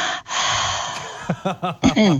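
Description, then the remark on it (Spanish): A person breathes in rapid, noisy bursts, imitating their small female dog panting heavily from heat, with a long breathy exhale followed by a quick series of short, rhythmic pants. “pero yo estaba imitando a mi perrita hoy a la noche que tenía mucho calor, ¿entendés?”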